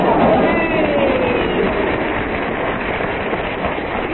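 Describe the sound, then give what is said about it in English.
Audience applause: a dense, steady wash of many hands clapping that holds at an even loudness throughout, with faint voices mixed into the crackling texture. “Was this audience applause?”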